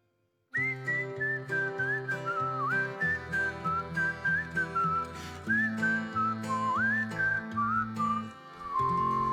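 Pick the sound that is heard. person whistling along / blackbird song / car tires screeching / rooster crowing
person whistling along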